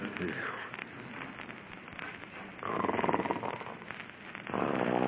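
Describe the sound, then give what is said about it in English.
Loud, rasping snores come in drawn-out, noisy breaths, each harsh rattle swelling and fading in a slow rhythm, with a buzzing, throaty texture and no talking. “Snoring already. Listen to that.”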